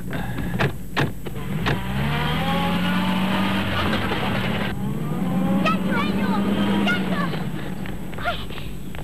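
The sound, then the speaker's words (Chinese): Loud motorcycle and car engines roar and rev continuously as a motorcycle chases the criminals' sedan, their pitch climbing and sliding as the vehicles race along, with a few sharp knocks and rattles cutting through early on. “骑着摩托车的夹克衫，三人一起紧追罪犯的小轿车。”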